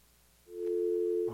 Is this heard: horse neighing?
no